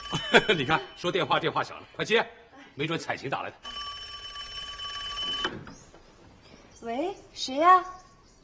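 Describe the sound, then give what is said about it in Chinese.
A telephone bell rings once in a steady, continuous, loud burst lasting about two seconds, with people talking and chuckling just before and after it. “哎呦，你看，说电话，电话响了，快接，”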